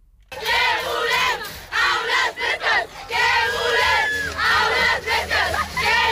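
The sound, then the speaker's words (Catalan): About thirty high-school students shout and chant together in loud, overlapping bursts at a morning protest against the heat in their classrooms at the institute in Llançà, Alt Empordà, with brief pauses between rising and falling cries that carry a rhythmic, protest-like cadence. “Per aquesta calor, a Llançà, a l'Alt Empordà, una trentena d'alumnes de l'institut han protestat aquest matí per denunciar la calor a les aules.”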